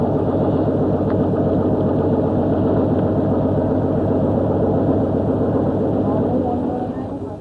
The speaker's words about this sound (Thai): เรือลำเล็กที่ติดเครื่องยนต์ขนาด30แรงม้าถูกนำมาใช้แทนแรงงานคน